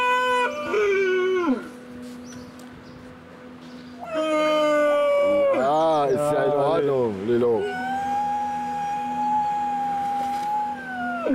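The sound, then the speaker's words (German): Seal pups crying in long, drawn-out wails that waver and slide in pitch. Several cries overlap and follow one another closely, loud, with brief gaps between bursts. “Die Heuler werden Robben. Ja. Die Robbenbabys.”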